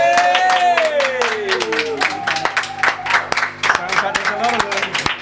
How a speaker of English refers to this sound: Maybe our engineers might open the door and do the usual, where I ask them to lend their applause to the live performance.